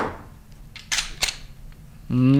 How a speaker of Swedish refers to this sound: Det där ljudet känner nog många igen. Och han som åstadkommer det med en Glockpistol, det är Mikael Johannesson. Och han jobbar som vapenundersökare på Nationellt Forensiskt Centrum, NFC, i Stockholm.